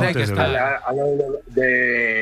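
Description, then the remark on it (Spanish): A neighbour's cow in the hills of Lugo, Spain, lows in a few loud, drawn-out calls whose pitch bends and wavers, with short breaks between them and no other sounds competing. “De vecinos tengo vacas y muy bien, muy eso, tranquilo aquí.”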